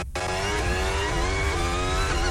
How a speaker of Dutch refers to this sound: Een beetje wielspin zo te horen bij Lando Norris. Maar er zit zo'n hobbeltje in, hoor je het op de achteras.